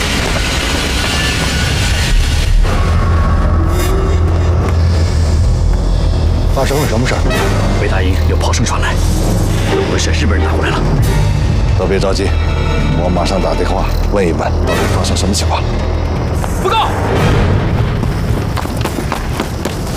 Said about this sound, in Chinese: 北大营有炮声传来，有回事，日本人打过来了。